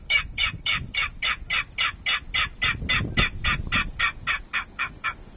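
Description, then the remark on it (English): A King Rail calls in a long, even series of about twenty harsh, clipped kek notes, steady in pace and loudness, over a low rumbling background. “He's targeting the Yellow Rail, Sora Rail, Virginia Rail, and the King Rail heard here.”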